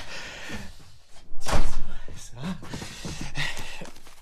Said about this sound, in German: Hier ist das Studio. Tür auf.